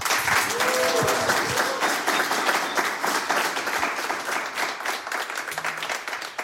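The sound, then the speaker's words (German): Sustained applause from a live concert audience for a solo singer with guitar, dense clapping at a steady loudness for several seconds, with a few faint voices mixed into the crowd noise. “Einen fulminanten Applaus nochmal bitte.”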